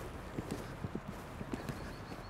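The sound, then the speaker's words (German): An Altoldenburger warmblood horse, a breed bred for pulling carriages, trots with a steady, rhythmic clip-clop, around nine hoofbeats in quick succession, moderately loud over a faint outdoor background hiss. “Er ist ja ein Altoldenburger, eigentlich so mehr für die Kutsche gezogen.”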